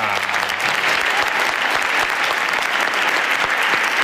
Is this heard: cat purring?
no